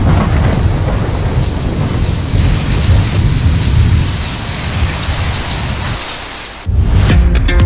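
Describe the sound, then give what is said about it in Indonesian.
Steady heavy rain hisses during a storm while deep thunder rumbles underneath throughout, dropping briefly near the end before a loud roll of thunder and downpour surges back. “sebaiknya segera menjauh karena air merupakan penghantar listrik yang baik sehingga sangat berbahaya ketika ada badai.”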